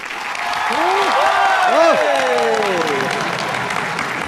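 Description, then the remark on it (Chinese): A crowd applauds steadily and loudly for a few seconds, on cue as a performance begins, while voices whoop and cheer over the clapping, rising and falling in excited shouts. “我一说开始，大伙儿掌声就给起来啊！ 谢谢大伙儿、 啊，还有欢呼声最好再热烈啊！”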